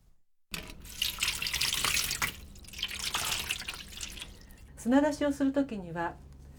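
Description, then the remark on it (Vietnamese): Water runs from a tap into a bowl of live clams with a broad splashing hiss for several seconds, soaking them so they release sand and grit, then a person begins speaking near the end as the flow continues faintly underneath. “Trước tiên thì chúng ta phải ngâm ngao sống vào nước để chúng nhả hết cát và sạn.”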